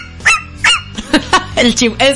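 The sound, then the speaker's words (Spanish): A person imitates a dog barking, giving a quick run of about eight loud, yelping barks in an uneven rhythm with a faint musical background underneath. “Y el ladrido.”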